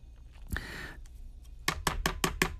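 A knife chops steadily on a cutting board while food is prepared, six crisp, evenly spaced strikes, after a brief scraping swish at the start. No one speaks.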